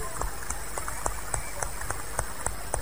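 Steady rhythmic clapping for Jesus, sharp claps landing in even time about three or four per second over a low rumbling background, with no voices standing out.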